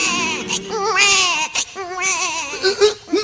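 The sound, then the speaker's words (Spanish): A baby cries in loud, wavering wails, several rising and falling bursts over a few seconds, with brief catches of breath between them and no talking. “Sí, un moro es que está llorando.”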